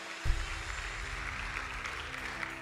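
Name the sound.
audience applauding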